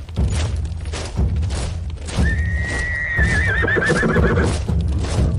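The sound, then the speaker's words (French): A horse lets out a long, wavering whinny over a steady clip-clop of hooves walking, as horses and soldiers of a slow-moving military column march at the rear of infantry regiments, with low thuds and movement filling the background throughout. “Ces colonnes se déplaçaient lentement au rythme de la marche des chevaux et des soldats à l'arrière des régiments d'infanterie.”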